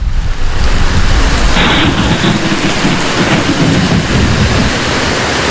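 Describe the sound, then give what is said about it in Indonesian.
A heavy downpour hisses steadily and loudly, with deep rolling thunder rumbling underneath throughout. No one speaks. “Hujan seperti ini selalu mengingatkanku pada lipatan banjir Bone tahun 2012.”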